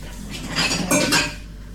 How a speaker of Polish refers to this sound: Wezmę teraz kubek.